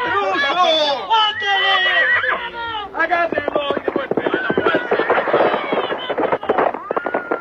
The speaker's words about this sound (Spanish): Enfurecido, Alcor monta en su brioso caballo.